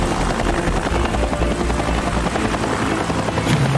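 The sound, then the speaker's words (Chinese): A helicopter hovers by beer bottles while trying to find the contact point between a bottle opener and a beer bottle cap. Its rotor and engine produce a loud, steady, unbroken drone with a deep throbbing rumble throughout, and there are no voices. “他把直升机移到了下一个啤酒瓶的地方。”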